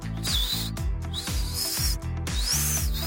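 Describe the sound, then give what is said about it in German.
Breathy, high-pitched whistling through a tiny gap in the front teeth: a few wavering tones that rise and fall, heard over a loud, rhythmic low-pitched hum, with no one talking. “Ich kann auch noch mit den Ohren wackeln und durch ein Mikromillimeter Zahnlücke vorn hier beim kann ich auch pfeifen.”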